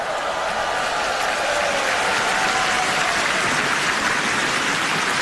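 A large audience claps steadily and loudly for several seconds, a dense, continuous patter of hands with no voices standing out, applauding the members of the Far East Broadcasting Company children's choir.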